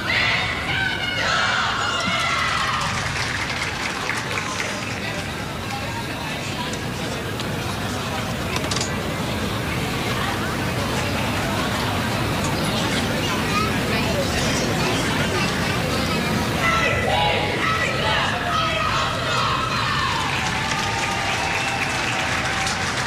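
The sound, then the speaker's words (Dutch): A dense crowd in the busy stands at an Ajax women's football match murmurs and chatters continuously, with overlapping voices, scattered shouts and bursts of clapping rising and falling over a steady, loud wash of babble. “is goed druk. Op de tribunes.”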